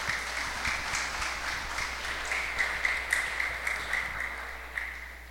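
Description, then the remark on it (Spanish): Sustained audience applause congratulating a student on her academic achievement, a dense wash of many hands clapping at a steady level for several seconds, with no voices on top. “Un fuerte aplauso.”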